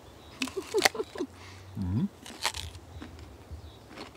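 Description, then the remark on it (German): A crisp bite into a firm peach, followed by a few wet crunching and chewing sounds, with a brief low murmur in the middle. “Ich denke, wir müssen mal so eine kleine Probe machen, mal einfach mal reinbeißen.”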